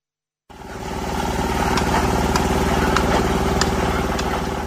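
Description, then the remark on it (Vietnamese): A loud, steady engine drone with rhythmic mechanical chugging from heavy road-building machinery at the construction site of the inter-village road to Xin Trải village, Khuôn Há commune, Lai Châu province, Vietnam, with occasional sharp metallic clanks cutting through. “Âm thanh rộn ràng, sôi động vang lên từ công trường đường giao thông liên bản Xin Trải, xã vùng cao Khuôn Há, tỉnh Lai Châu, báo hiệu một lối mở mới cho sự phát triển.”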